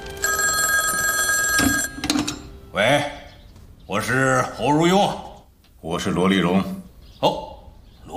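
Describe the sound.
A telephone bell rings in one bright, metallic, continuous burst for about two seconds, then stops as a man answers the call and begins speaking in short phrases.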